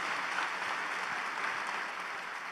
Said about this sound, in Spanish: Un aplauso a Dios por la vida de estos pastores, amigos.